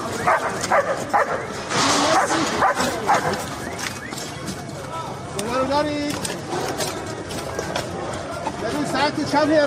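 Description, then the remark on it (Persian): Leo, an Iranian Red Crescent search-and-rescue dog, barks and yips repeatedly, with some whining in between, over a busy, noisy background that continues throughout. “لئو، سگ زنده یاب جمعیت هلال احمر که در طی حملات نظامی آمریکا و اسرائیل به ایران بدون وقفه به عملیات جستجو و نجات پرداخت و نقش مهمی در پیدا کردن پیکرها و نجات افراد زنده از زیر آوار جنگ داشت.”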